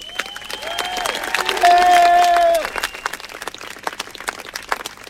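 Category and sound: crowd, thunderous applause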